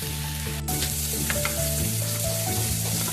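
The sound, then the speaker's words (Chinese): Garlic is added to oil in a heated pan and sizzles with a steady crackle and one brief clatter near the start, while soft background music plays beneath. “热锅烧油，加入大蒜”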